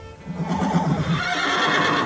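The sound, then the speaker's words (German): A horse whinnies loudly in a horse stable holding two horses, Grimm and Fjala, a long quavering neigh lasting about two seconds with no voices over it. “Es war wahrhaftig ein Pferdestall, genau wie ich es mir gedacht hatte. Und drinnen standen zwei Pferde, zwei schöne Pferde, die uns die Köpfe zuwandten.”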